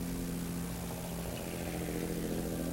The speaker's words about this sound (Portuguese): Vai passar um caminhão.